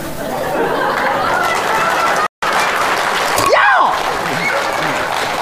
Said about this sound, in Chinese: 别鼓掌，别鼓掌了！